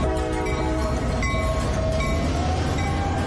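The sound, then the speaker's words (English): A Lehigh Gorge Scenic Railway train horn sounds in Jim Thorpe, Pennsylvania, a long, steady blast of layered tones over the low rumble of the train, with no one speaking. “Lehigh Gorge Scenic Railway, located in historic downtown Jim Thorpe, Pennsylvania.”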